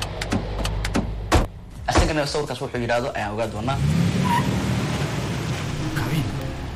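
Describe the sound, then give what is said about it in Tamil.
A car engine rumbles steadily as the car stops where it can go no further and a few sharp clicks and thumps suggest a door opening, with brief voices in between, before the low motor hum settles in. “இதுக்கு மேல கார் போகாது.”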